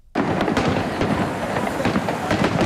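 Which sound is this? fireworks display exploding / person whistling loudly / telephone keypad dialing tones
fireworks display exploding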